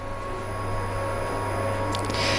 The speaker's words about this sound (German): Ja, so klingt da wieder der Staubsauger. Die letzten Vorbereitungen zur Eröffnung der Kölner Oper, die laufen noch, wie man hört.